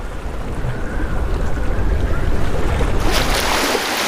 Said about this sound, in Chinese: 大风吹拂着海面，海水有规律的起起伏伏，这些涌浪或许会向远方扩散，抵达最为隐蔽的海湾。当涌浪靠近浅水区时，就会变成近岸浪。